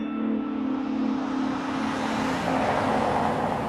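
A car engine hums steadily on a street with constant road noise, its sound brightening slightly toward the end as if speeding up. No one speaks.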